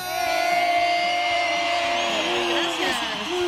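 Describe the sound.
A crowd cheers and whoops loudly, voices yelling over a steady wash of clapping that holds strong for a few seconds before easing slightly.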